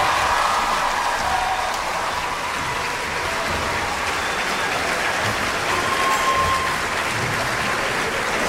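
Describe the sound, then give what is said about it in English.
A large concert audience gives a round of applause to the World Youth Symphony Orchestra after its performance. A dense, even wash of clapping lasts several seconds and holds its loudness throughout, with no voices rising above it. “But please give a big round of applause to the World Youth Symphony Orchestra one more time.”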